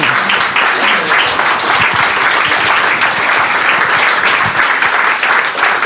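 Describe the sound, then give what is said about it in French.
Steady audience applause at the end of a talk at a Réveil Créatif event, many hands clapping together in a dense, continuous roar, fairly loud, with no voices standing out. “On peut applaudir peut-être.”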